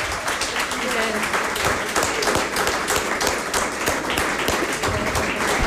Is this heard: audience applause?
yes